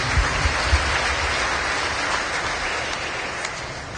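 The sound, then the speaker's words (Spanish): A parish audience applauds the Holy Gospel steadily, a dense, even wash of many hands clapping at once that holds its loudness throughout, with a few low thumps near the start and no voices. “de palmas al Santo Evangelio.”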